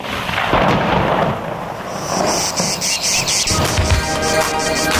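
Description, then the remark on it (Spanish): A loud thunderstorm with rumbling thunder and steady rain noise, then chirping crickets rise up over it for the second half. No voices. “No sueñe, no hay lluvia, no hay lluvia, olvídese.”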